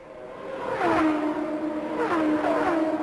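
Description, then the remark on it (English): Michael Andretti's race car accelerates back up to speed on the back stretch with a loud, steady roar, its whining pitch climbing and dipping twice as it shifts through gears. No one speaks. “Michael Andretti building back up to speed on the back stretch as this race contenders under yellow, under green, I should say.”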